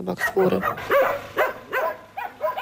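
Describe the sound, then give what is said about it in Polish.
Several dogs bark in quick, uneven bursts, about six or seven sharp yelping barks over a few seconds, fairly loud, with a muffled background murmur underneath. “Psy jednoczą się w sfory.”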